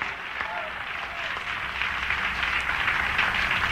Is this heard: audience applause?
yes